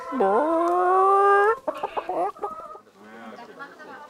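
A chicken held in someone's arms lets out a long, loud, drawn-out squawk, then a quick run of short clucks, followed by softer sounds that may include a voice.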